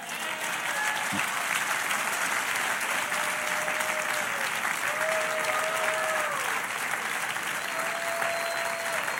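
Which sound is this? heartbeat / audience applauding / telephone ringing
audience applauding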